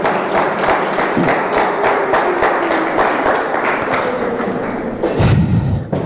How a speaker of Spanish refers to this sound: Den un aplauso poderoso al Señor.